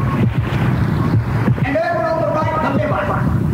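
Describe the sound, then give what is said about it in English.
A continuous sloshing, flushing wash of fluid fills the whole stretch, loud, with warbling gurgly tones rising through the churning water in the second half. It is a sound effect for a kidney flushing fluids. “Here on the left, the happy little kidney is busy flushing fluids. Just listen.”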